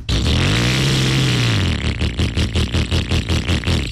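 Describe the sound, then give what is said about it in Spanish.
An AKT motorcycle engine revs up loudly with a rising then falling whine, then settles into a rapid, pulsing idle of regular throbs, continuous throughout. “Acelera tu nueva AKT Motos.”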